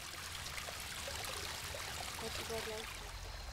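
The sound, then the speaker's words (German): The waterfall of a natural garden pond, bordered by a quarry-stone wall and marsh areas, trickles and splashes in a steady, unbroken wash of bright water noise, with faint murmuring voices buried underneath. “Ein Highlight? Der Wasserfall.”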